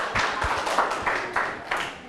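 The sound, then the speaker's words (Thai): A small group of students claps for themselves in class after answering every question correctly, a brisk, steady round of applause, the overlapping hand claps fairly loud for about two seconds, with no one talking. “พวกเราตอบถูกหมดทุกข้อเลยปรบมือตัวเองได้เลยครับดังๆเลย”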